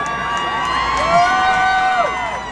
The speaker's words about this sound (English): Boo all you want to. Boo away.